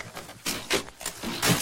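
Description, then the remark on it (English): A heavy door is forced open with a crowbar in a series of harsh, grinding scrapes, three or four rough bursts of straining noise with short pauses between them, moderately loud and without any voices. “It opens. It opens.”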